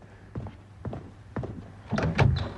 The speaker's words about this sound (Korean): 노크 소리에 당비서가 문을 연다.